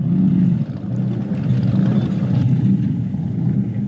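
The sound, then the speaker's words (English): The 454 Chevy V8 engine of a speedboat named Bluebird rumbles steadily at low pitch, a deep, throaty drone that holds loud and even for the whole few seconds with no voices over it. “That's running a 454 Chevy, hence the sound. It's a serious beast, that one.”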